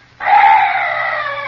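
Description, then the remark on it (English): A night bird gives one loud, drawn-out screeching call that begins abruptly and holds a steady, raspy pitch for over a second, with no voices around it. “What's that? Oh, some night birds.”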